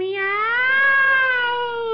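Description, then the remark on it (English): Costello imitates a cat with one long, drawn-out meow, loud, its pitch rising slightly and then easing down over about two seconds. “Oh, quick, Costello, make a noise like a cat.”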